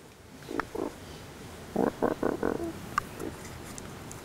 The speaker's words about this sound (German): Hört sich zwar eher wie ein Quietschen an, heißt aber bellen.